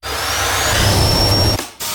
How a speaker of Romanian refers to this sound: Asta e diferența dintre curat și curat complet. Bosch aspirator vertical Unlimited cu tehnologia MicroClean aspiră chiar și murdăria microscopică